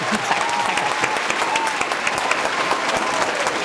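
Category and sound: crowd, applause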